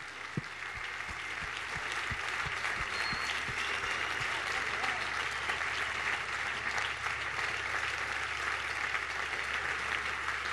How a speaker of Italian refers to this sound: E adesso siamo pronti, un grandissimo applauso, un applauso a tutti.